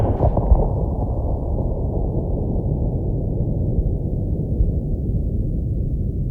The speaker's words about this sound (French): Le canon là-bas a défoncé le soir profond avec un bruit de cataclysme, comme si des cyclones avaient heurté en route des typhons.